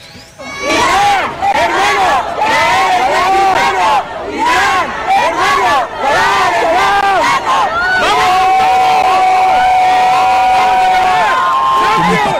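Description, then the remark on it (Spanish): A large crowd in Tijuana, Baja California, chants loudly in unison to see off the Iranian national football team as it leaves for its debut match against New Zealand, repeating swooping sung phrases in a steady rhythm, with shouts mixed in and a long held note toward the end. “Escuchen cómo despidieron a la selección iraní cuando salía con rumbo a su debut, que está sucediendo en este momento, contra Nueva Zelanda.”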